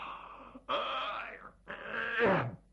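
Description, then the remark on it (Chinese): A man's voice imitates a big yawn, acting out a character who feigns yawning while walking in and rubbing his eyes: a short breathy intake, then two long, drawn-out groaning exhalations whose pitch sags at the end. It is fairly loud, with no other talk. “杜立三还演戏，一边往里走一边打哈欠揉眼皮。”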